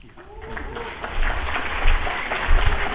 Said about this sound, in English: You may want to hold that applause until it's done.